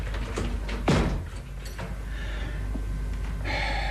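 A door is pulled shut with one solid thud about a second in, followed by quiet background and faint movement, with no one talking.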